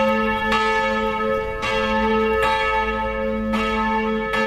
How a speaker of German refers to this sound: 650 Kilo wiegt die Vaterunser-Glocke, die beim Vesperläuten ertönt. Und draußen hört sich das dann richtig laut an.